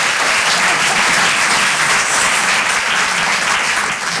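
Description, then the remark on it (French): Steady audience applause fills the whole clip, a dense crackle of many hands clapping at a constant loud level, with no voices heard over it. “Ah, vous hésitez à applaudir, hein, vous êtes ravis.”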